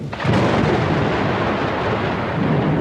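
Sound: thunder rumbling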